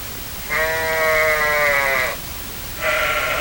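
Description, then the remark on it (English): At a sheep shearing shack in New Jersey, a sheep bleats loudly in a long, wavering call, then starts a second bleat after a short pause, with no talking. “Yes, this is still New Jersey, and this is indeed a sheep shearing shack.”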